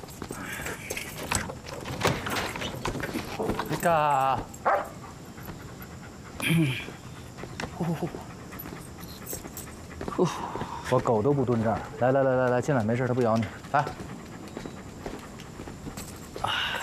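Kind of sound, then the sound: animal, dog panting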